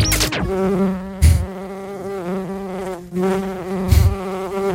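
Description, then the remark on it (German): A bee buzzes, a steady droning hum that wavers slightly in pitch for several seconds, broken by a few short thumps, with no voices. “Na, Biene?”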